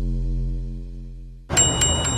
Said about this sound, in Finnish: Onpas kilkatus, ihan päässä soi. Niin, se on sitä Dansken oivaltamisen ääntä.